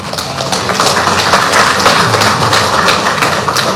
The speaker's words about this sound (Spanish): Vamos a recibirlo, por favor, con un fuerte aplauso